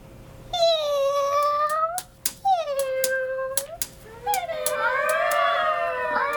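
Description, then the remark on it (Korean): A tortoiseshell cat meows three times in long, drawn-out, wavering cries, loud, as it comes from a drainage channel into a tunnel, with a few sharp clicks scattered between the calls. “카오스무늬 고양이가 배수로에서 굴 안으로 들어오며 울었다.”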